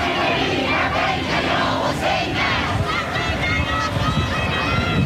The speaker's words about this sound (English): People continue to pour in, chanting slogans like God is great.